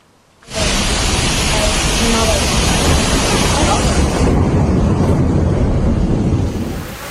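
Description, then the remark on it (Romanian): Torrential rain and rushing floodwater during flooding in Varna, with wind buffeting the microphone, a loud, dense, unbroken roar that cuts in abruptly and holds steady for several seconds. “O ploaie torențială a provocat inundații la Varna.”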